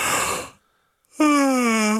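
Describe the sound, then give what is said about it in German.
A person yawns: a long breathy inhale, a brief pause, then a drawn-out voiced groan that slides gently downward in pitch and stays loud to the end. “Und es ist jeden Morgen das gleiche Spiel, oder? Einer gähnt.”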